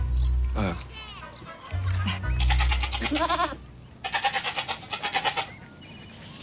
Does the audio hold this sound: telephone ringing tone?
no